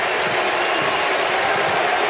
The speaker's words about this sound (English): He stopped. Listen to the crowd going crazy for him, right?